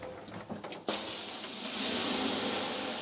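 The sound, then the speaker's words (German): A quiet rustle gives way to a sudden, loud burst of steam as a pure birch infusion is poured onto hot sauna stones, followed by a steady, bright hiss that holds to the end. “Wir haben mal reinen Birkensud. Ja, und den gieße ich jetzt einfach mal ein bisschen auf hier.”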